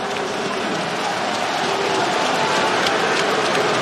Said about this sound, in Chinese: 来了各位，先有先拿，掌声给到我们的球员。